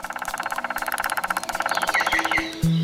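A male and a female green woodpecker, clinging side by side to a tree trunk, hammer together at full speed on the wood with their beaks, a fast, steady rattle of taps running almost continuously, with a few faint bird chirps near the end.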